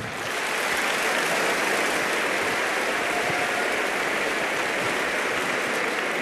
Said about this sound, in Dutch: Hey, dank jullie wel. Even applaus.